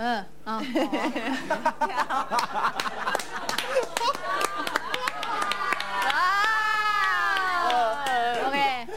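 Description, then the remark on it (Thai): A loud crowd-screaming sound effect, triggered by pressing a button, fills the whole stretch, a dense wash of shrieks, cheers and laughter, building into sustained high-pitched screams toward the end. “อ้าวกรี๊ดแบบนี้เหรอคะไม่ใช่หนูนึกว่ากรี๊ดแบบให้กำลังใจหนูก็กดกรี๊ด ได้อยู่ได้อยู่ ดูเหมือนกลัวเลย”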